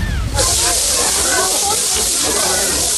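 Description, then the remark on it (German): Loud, continuous crinkly rustling of cling film, a dense hiss-like crackle that starts abruptly after a brief moment and runs steadily to the end. “Es ist Frischhaltefolie, die komischerweise raschelt.”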